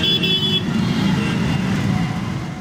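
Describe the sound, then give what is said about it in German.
Dense street traffic in a large Indian city rumbles steadily and loudly throughout, with a brief car horn toot sounding near the start over the constant combustion-engine and road noise. “Jedes Gefährt, das keinen Verbrennermotor mehr nutzt, ist ein Gewinn. Und was den Lärm angeht, mit jedem E-Motor nimmt er weiter ab.”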